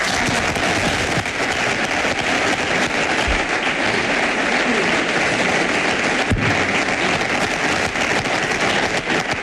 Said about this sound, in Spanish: Orgullosos de que vuelva uno de los mejores entrenadores del mundo, un madridista como es José Mourinho. aplausos.